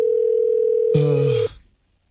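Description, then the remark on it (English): A steady, loud telephone dial tone hums for about a second and a half as a phone call is being placed, joined near the end by a short burst of voice-like noise before everything cuts off to silence. “Hang on a second. I'm calling him right now.”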